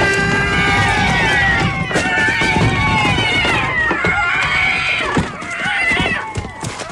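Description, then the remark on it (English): A loud, dense chorus of cats yowling and wailing over one another, their cries rising and bending in pitch, with occasional dull thumps breaking through the continuous noise. “do you ever see so many cats in the air at one time?”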